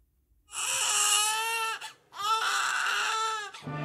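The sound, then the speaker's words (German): A newborn baby gives its first cries in two long, loud wails, each a strained, high-pitched bawl with a brief catch of breath between them, followed by the start of a third cry. “Der erste Schrei, das erste Lächeln.”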